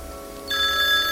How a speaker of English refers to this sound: Oh, there goes the phone again.